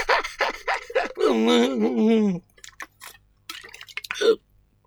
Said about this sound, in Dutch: Amai, dan moet ik dus eens een beetje drinken.